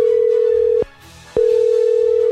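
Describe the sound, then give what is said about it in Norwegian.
A telephone ringing tone on a call placed by Radio Metro: a steady, loud single-pitched hum that cuts off briefly with a click, then resumes. No one speaks. “nå håper jeg hun tar telefonen altså.”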